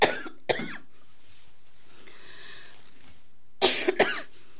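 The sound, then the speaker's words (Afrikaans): Two sharp coughs near the start, a quiet pause, then another pair of forceful coughs with a rough throat-clearing edge, fairly loud, with no talking. “Ek vraag over ons koning vir die hoesie. Ek krap in die keel.”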